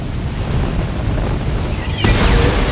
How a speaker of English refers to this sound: She shoots. The arrow activates 2 large jets of fire, which incinerate the street below.